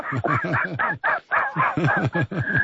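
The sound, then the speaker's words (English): A person's voice imitates a seagull with a rapid run of about a dozen loud, nasal squawking calls, each a short rising-and-falling cry, with no ordinary talking. “Man, you can't talk like a seagull.”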